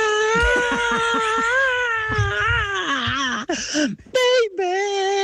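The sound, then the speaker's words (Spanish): A voice imitates a rock singer's memorable scream: one long, loud, strained wail held for several seconds with a wavering pitch, breaking into short ragged cries at the end. “Al principio hace un grito memorable, más o menos así.”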